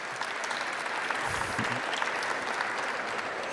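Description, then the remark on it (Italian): A sustained round of audience applause for panel guests being introduced one at a time, starting with Gabriele Fava, president of INPS, at an event on welfare providers. Dense steady clapping from many hands holds an even level throughout, with a faint murmur of voices briefly rising in the middle. “Chiedo un applauso uno alla volta, se lo meritano.”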